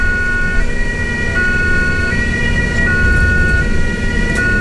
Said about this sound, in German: Das Geräusch hat sicher jeder von uns schon mal gehört. Die Sirene von der Ambulanz. Ob ein Unfall, ein gebrochenes Bein oder ein Herzinfarkt. Die Ambulanz Biel rückt bei ganz vielen Fällen aus.